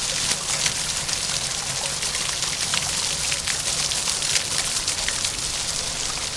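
Fountain jets splash steadily on the Place Gambetta town square, a dense, even hiss of falling water with a soft, constant low rumble beneath, unbroken from start to finish and with no voices.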